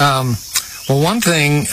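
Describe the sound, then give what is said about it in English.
Cicadas buzz loudly in the daytime, heard from an outdoor deck, in two sustained bursts separated by a brief pause, the droning tone wavering and rising in pitch. No one speaks. “The cicadas are coming out. They are insects that make a loud buzzing noise, and they're the ones that do it during the day.”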